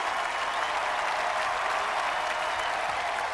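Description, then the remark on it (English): A large crowd claps steadily as President Coin and Katniss step onto a balcony overlooking it, a dense wash of applause filling the space, with faint cheering mixed in, loud and continuous throughout. “President Coin and Katniss step onto the balcony overlooking the crowd.”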